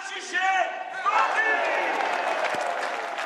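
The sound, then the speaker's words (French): A crowd at a wine auction shouts together in a loud, sustained burst of cheering as a 500-litre barrel made for the 150th wine sale is sold, overlapping calls rising and holding steady over scattered clapping and general hubbub. “On va tous crier ensemble.”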